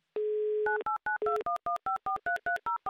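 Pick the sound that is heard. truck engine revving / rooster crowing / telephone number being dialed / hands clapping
telephone number being dialed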